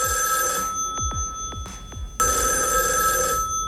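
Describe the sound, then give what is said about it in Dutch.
A telephone bell rings in bursts, its bright steady tones broken by a short gap with a few faint clicks before ringing resumes, sounding somewhat distant and reverberant. “Nou, de telefoon die gaat hier volgens mij in de verte.”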